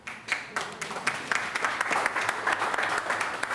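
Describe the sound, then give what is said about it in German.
A crowd applauds steadily at a farewell for the long-serving head of the Essener Tafel food bank in Essen, Germany, many overlapping claps forming a dense, even patter of moderate loudness with a few sharper individual claps standing out, and no talking. “Applaus.”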